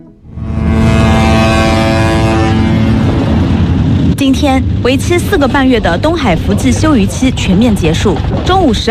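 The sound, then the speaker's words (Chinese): 470 fishing boats, mostly trawlers, at the fishing port of Shitang town, Wenling, Zhejiang, blare their horns at noon in one long, loud, buzzy blast lasting a few seconds as they set sail for the East China Sea fishing grounds at the end of the fishing moratorium; then a steady low rumble carries on as a voice starts talking over it. “今天为期4个半月的东海福季休渔期全面结束，中午12时，在浙江温岭市石塘镇钓帮渔港内，470艘渔船鸣笛起航，奔赴东海渔场。”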